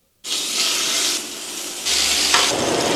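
A steady sizzle of a New York strip steak frying in a hot pan, a bright crackling hiss that starts abruptly and swells louder partway through, with no voices.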